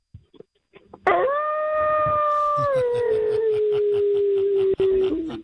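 howling sound effect

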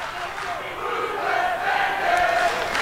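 stadium crowd chanting

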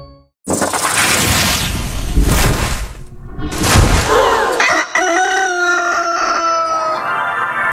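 rooster crowing sound effect

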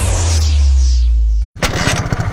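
motorcycle engine stalling

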